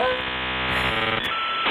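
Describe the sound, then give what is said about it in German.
A dial-up modem handshake as a modem is connected to set up an internet connection: steady buzzing tones that shift abruptly into harsh, hissing static with a brief crackle burst, loud, with no one talking. “Ein Modem anschließen.”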